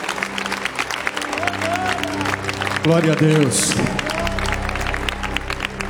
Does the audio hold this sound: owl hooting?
no